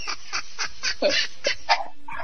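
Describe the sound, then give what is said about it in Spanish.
A rapid run of harsh, sharp dog barks, about a dozen yaps in quick succession, moderately loud, with no one talking over them. “¡Cállense, perrito! Están ladrando.”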